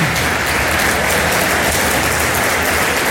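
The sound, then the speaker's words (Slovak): An audience at an award ceremony claps as the fairy tale Príbehy Kveťa Hrebára wins the first-category prize, the dense, even patter of many hands filling the whole three seconds at a loud, constant level with no voices. “Veľký potlesk.”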